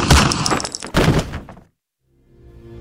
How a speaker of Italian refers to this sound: No! Un'esplosione! Ancora! Basta!